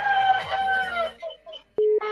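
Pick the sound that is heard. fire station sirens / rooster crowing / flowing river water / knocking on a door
rooster crowing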